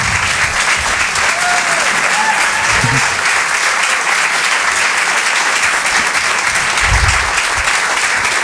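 An audience at a Rire et Chanson comedy show applauds loudly and steadily for a comedian, a dense wash of clapping with a few whoops and cheers rising above it, sustained throughout with no talking.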